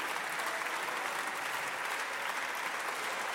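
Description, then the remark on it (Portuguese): Sustained, dense applause from PSD members in the Portuguese parliament after a statement by Palma Ramalho, loud and steady throughout with no pauses and no voices rising above it. “As ruidosas palmas do PSD, esta afirmação de Palma Ramalho.”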